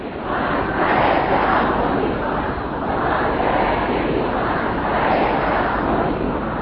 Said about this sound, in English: many thousands of people filled the streets of Mashhad and Ayatollah Khamenei's body was transported to his grave